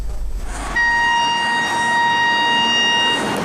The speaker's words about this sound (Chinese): 随着56194公益慢火车缓缓停靠在乐山市沙湾区沙湾镇岱湾村的岱湾站，游客们有序下车，乘慢火车赏库区风光旅游线路火爆出圈，让沉寂的岱湾村人气暴涨。